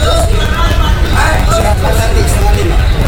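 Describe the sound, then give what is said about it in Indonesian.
Dense, steady hubbub of passengers and buses at the busy Purabaya bus terminal in Surabaya, with overlapping crowd chatter and the low rumble of idling buses filling the space at a constant loud level. “Hiruk pikuk para penumpang dan kendaraan bus ini terjadi di Terminal Purabaya, Surabaya.”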